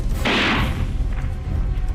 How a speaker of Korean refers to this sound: 총소리와 함께 풀썩하고 육중한 몸뚱이가 꼬꾸러졌다.